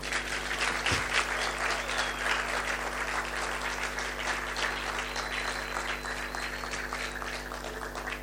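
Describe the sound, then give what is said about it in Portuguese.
An audience at the Mbenga Live Session concert applauds steadily as performers are called, a dense patter of many hands clapping at an even, fairly loud level for several seconds without anyone speaking over it. “Eles não estão à vista, estão à espera de palmas, então.”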